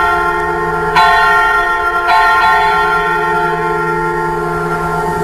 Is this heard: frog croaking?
no